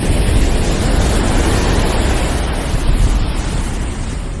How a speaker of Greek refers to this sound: Όχι, δεν βρέχει έξω. Στο τραγούδι βρέχει. Θάλασσα είναι.